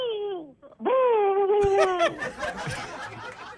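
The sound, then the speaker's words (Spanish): A human voice imitates an owl: a short falling hoot, then a longer, wavering moan-like hoot, dissolving into breathy snickering and laughter. “El sonido del búho.”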